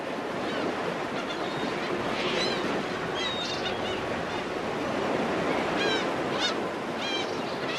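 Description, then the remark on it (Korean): Rough sea waves of about 2 to 3 metres churn around a fishing boat working with trap gear, in a steady, loud roaring wash with no pauses. A few high squawking calls rise faintly above the noise, and no one speaks. “지금 파도가 되게 심한데 몇 미터 정도 될까요?”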